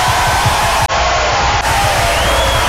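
Loud, steady crowd applause with cheering and whoops rising over it, a dense burst of clapping and voices that stays strong throughout.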